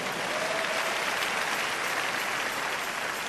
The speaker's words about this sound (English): Are you celebrating Jesus? Make that clap better.